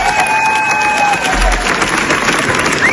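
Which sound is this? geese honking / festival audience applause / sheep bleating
festival audience applause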